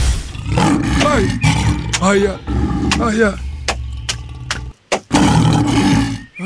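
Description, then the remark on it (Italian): A voice loudly imitates a lion in heat roaring, with rough growls and rising, wavering cries over a steady low rumble, a brief silence, then another burst of roaring. “Leone in calore.”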